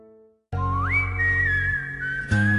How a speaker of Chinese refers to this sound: 做咩吹晒口哨咁超嘅？ 可能因为听得佢多啦。